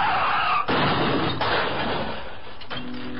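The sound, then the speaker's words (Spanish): A loud car crash sound effect: dense, roaring smash with several heavy impacts and shattering glass, the debris noise continuing and slowly settling over about three seconds. No voices. “Un accidente de auto le puede costar su salud, dinero o hasta la vida.”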